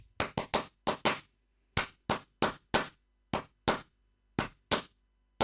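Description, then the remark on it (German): Roughly fifteen sharp hand claps in an uneven, stop-start rhythm, some in quick pairs and others spaced by short pauses, clapped as a rhythm to help memorize exam material. Each clap is crisp and fairly loud, with no talking. “Achtung, ich klatsche kurz.”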